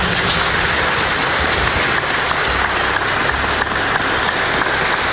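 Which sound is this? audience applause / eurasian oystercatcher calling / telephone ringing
audience applause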